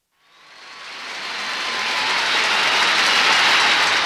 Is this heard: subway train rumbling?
yes